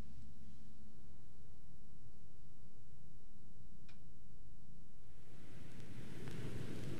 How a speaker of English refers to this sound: Had to bring the ocean sounds back up. This is no coast radio, you know, landlocked. So, gotta do with what we have.